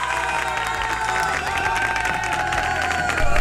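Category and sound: crowd, applause and cheering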